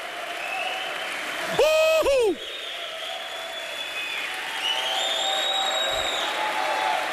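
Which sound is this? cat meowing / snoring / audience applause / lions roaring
audience applause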